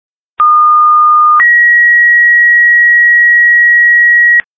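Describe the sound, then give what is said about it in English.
A two-part electronic fire alarm dispatch tone alerting firefighters to respond to 122 South 12th Avenue: a steady mid-pitched note for about a second, then a higher sustained note held for three seconds, loud and clean with no voices. “Here's an alarm for firefighters.”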